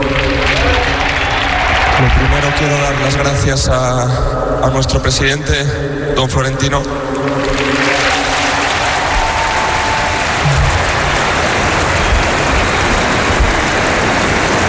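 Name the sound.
crowd applauding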